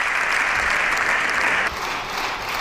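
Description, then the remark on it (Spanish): Sustained applause from a large group, dense and steady clapping that dips slightly in intensity near the end but continues without pause: the Partido Popular bench in parliament, standing and applauding PP leader Núñez Feijóo during his reply turn. “En estos momentos, la bancada popular está en pie aplaudiendo al líder del PP, a Núñez Feijóo, en ese turno de réplica que veremos si también asumen el resto de grupos parlamentarios.”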